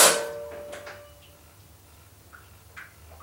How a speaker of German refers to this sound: Vorsichtig griff Heike an die Türklinke und entriegelte mit der anderen Hand das Schloss.